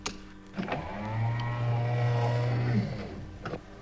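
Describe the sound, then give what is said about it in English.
Sliding sound doors close at Cloud Base with a steady motorized hum that rises, holds for about two seconds, then cuts off, framed by a clunk at the start and another at the end. “Close the sound doors, will you?”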